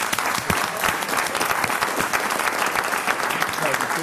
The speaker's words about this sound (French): Gérard Mermet, qui est avec nous toute la semaine, on peut l'applaudir quand même une fois. Oui, oui. Bravo.